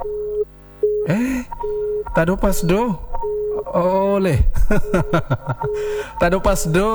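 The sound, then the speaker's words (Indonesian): A telephone busy signal from a failed call repeats in short, even tone bursts on a steady pitch, heard faintly beneath a man's voice talking over the line. “Apakah telepon yang gangguan atau pulsanya malo, pulsa dumik, pulsa T, atau apa nih?”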